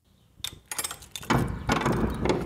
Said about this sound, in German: So, wir öffnen jetzt die Tür in den Keller der sogenannten Pistor-Kaserne. Vorsicht, geht ein paar Stufen runter und wir sehen hier einen Raum.